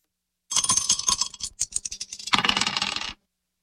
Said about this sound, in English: Let's throw the dice and see which one we're going to play out of this one.